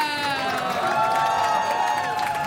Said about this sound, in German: Dankeschön. Erstmal einen großen Applaus bitte